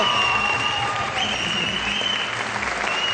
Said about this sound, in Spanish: Un aplauso para su prepa, para por favor. ¡Bravo!